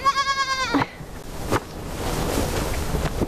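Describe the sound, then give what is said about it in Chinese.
A young sheep or goat gives one loud, quavering bleat, followed by a steady wash of background noise like surf or wind, with no voices. “早安，小咩咩。”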